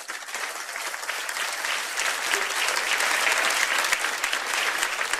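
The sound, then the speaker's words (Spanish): A crowd applauds steadily for several seconds, giving a round of applause to God, a dense wash of clapping that swells slightly midway and stays loud throughout, with no voices standing out. “¿Cuántos le dan un aplauso a ese Dios?”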